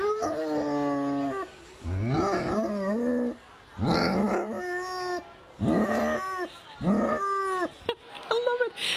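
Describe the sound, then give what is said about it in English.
A hunting-breed hound named Angus bays in a series of long, drawn-out, cow-like mooing howls, loud, with short pauses between each deep bellowing call. “Jonta and Angus are both a breed of dog that belongs to a classification of dog known for hunting, for having an excellent sense of smell, for having the best and saddest looking droopy ears in the whole wide world.”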